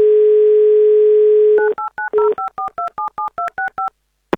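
A steady dial tone hums for about a second and a half, then a quick series of about twelve touch-tone beeps as a phone number is keyed in, ending with a faint click.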